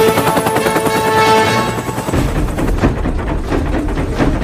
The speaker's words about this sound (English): The helicopter narrowly avoids hitting the mountainsides.